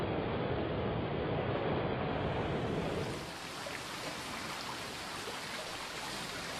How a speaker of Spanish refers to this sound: La extraordinaria geografía de este valle conjuga prados y bosques boreales con corrientes fluviales de sonoras y espumeantes cascadas que bajan de la pura geología pétrea de las alturas.